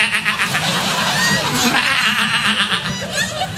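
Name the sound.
sheep bleating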